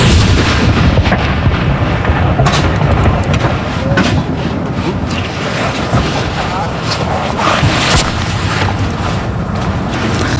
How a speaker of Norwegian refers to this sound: Det kommandanten som leder denne avfyringen. Hun står rett bak de som, som avfyrer disse saluttene.